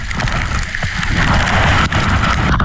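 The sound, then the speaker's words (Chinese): Hailstones larger than soybeans pelt down on a high plateau in a sudden storm under gathering dark clouds, falling on a trekking group, in a dense, continuous clatter, a steady roar of countless sharp impacts with no voices and no letup across the whole stretch. “在行进了两个小时左右，天空中突然乌云密布，瞬间下起了比黄豆还要大的冰雹。”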